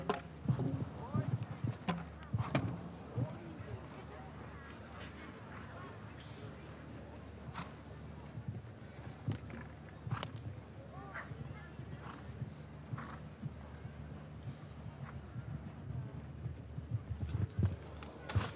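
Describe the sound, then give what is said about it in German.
Horse hooves canter over a show-jumping course at the Derby ground in Hamburg during a Derby qualification round ridden by a female rider, a steady run of dull thuds with occasional sharper knocks, while a man's voice talks over the outdoor rumble. “Das ist nicht so vortrefflich hingeritten. Auch hier nicht. Sie lässt das Pferd so ein bisschen alleine.”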